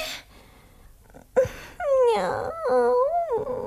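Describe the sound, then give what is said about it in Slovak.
A dog lets out a wavering, drawn-out howl that breaks into whimpering whines, fairly loud, after a short thump; no one speaks. “Juj, pes!”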